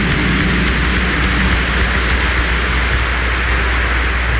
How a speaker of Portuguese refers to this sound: Acolher também os pais, o irmão, o sobrinho, os tios, os amigos e todo o povo de Deus nessa celebração com uma calorosa e bonita salva de palmas.